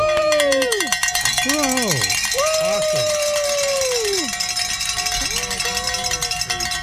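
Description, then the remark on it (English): Several bells clang loudly and continuously in a dense, jangling wash, while voices call out underneath with sliding, drawn-out tones. “Encore of the bell ringing.”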